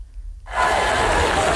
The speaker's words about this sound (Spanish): Con esta ovación, el nuevo CEO de la compañía, John Ternus, iniciaba esta tarde la tradicional presentación de otoño de la compañía.